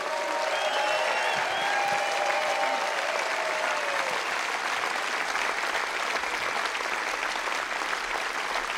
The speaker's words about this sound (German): Einen riesen Applaus für die ganzen Techniker und alle Bediensteten hier.